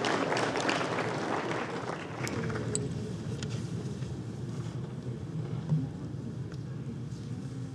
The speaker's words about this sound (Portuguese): Uma salva de palmas para os corretores de imóveis do Brasil e de Brasília. Obrigado.